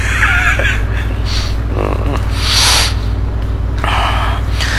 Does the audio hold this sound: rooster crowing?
no